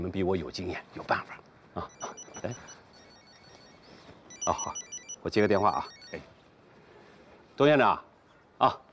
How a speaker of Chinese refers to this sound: 哎，啊，我接个电话啊。